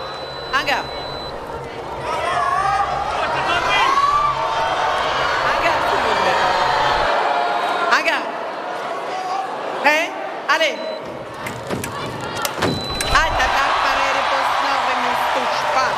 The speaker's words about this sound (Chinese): 现在中国香港队每得一分啊，现场都是排山倒海般的欢呼声。